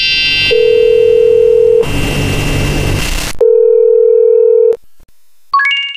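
A telephone dial tone from an outgoing call to a business manager: two long, steady hums separated by a burst of static hiss, then a quick set of rising electronic beeps at the end. No one speaks.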